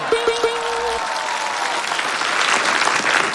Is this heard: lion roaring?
no